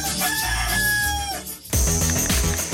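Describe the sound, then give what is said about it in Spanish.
A single loud rooster crow rings out with a long drawn-out call that trails off, then music abruptly kicks in right after it. “¡Adivina dónde estoy! Estás en El Gallo.”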